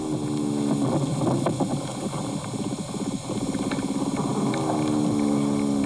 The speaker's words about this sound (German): Das ist jetzt eher ein größeres Bodentier, würde ich sagen. Also es war jetzt kein Regenwurm oder so? Nein, die klingen anders.